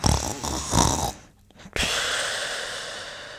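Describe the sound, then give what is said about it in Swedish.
A loud, rattling snore lasting about a second, followed by a brief hush and then a long, steady breathy hiss like a drawn-out exhale. No one speaks. “Ni hör ju. Sömniga personer är störiga som fan.”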